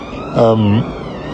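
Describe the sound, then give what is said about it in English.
A police siren wails faintly outdoors, its high tone rising and falling throughout, while a short low voiced hum sounds partway through. “Can't record one voice message without a siren going off or a plane overhead.”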